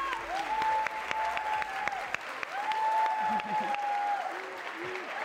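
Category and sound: crowd, audience applause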